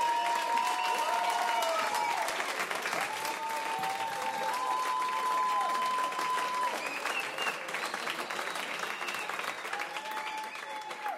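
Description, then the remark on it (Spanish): Sustained applause from a crowd for a person on the radio station Alternativa 98 fills the whole stretch, steady and fairly loud, with a few voices calling out over the clapping now and then. “Aplausos”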